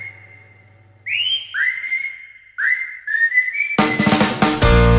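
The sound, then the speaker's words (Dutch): A clear whistled tune with several sliding, sustained notes rising and falling, alone at first before loud bright music bursts in and takes over. “En dan fluit je zo je dag in.”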